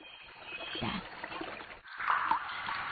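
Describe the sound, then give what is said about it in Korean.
Water trickles steadily from a tap that was not properly turned off, a continuous splashing stream with a brief dip near the middle, while a muffled voice murmurs faintly beneath it. “수도꼭지를 제대로 닫지 않아 나는 하수도로 향합니다.”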